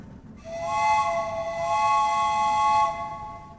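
A steam train whistle sounds one long, steady chord-like blast lasting about two and a half seconds, loud, with no voices.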